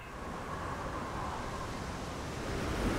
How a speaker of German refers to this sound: Das ist der natürliche Klang der Meere.